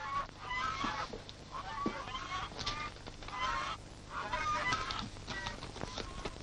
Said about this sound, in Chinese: 哦，外边有人斗鹅呢，我出去看看。